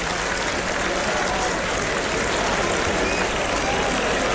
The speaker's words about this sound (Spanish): Mira, mira los chavales, tengo los chavales ya aquí delante, dándole palmas al torero en su vuelta al ruedo.